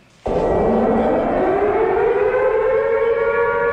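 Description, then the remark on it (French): An air raid siren in Kyiv, Ukraine, sounding over the city during Russian air raids, starts abruptly and holds a loud, sustained wail, its harmonic-rich tone gliding steadily upward in pitch with no voices present. “À Kiev, les alertes aériennes retentissent en permanence au-dessus de la ville.”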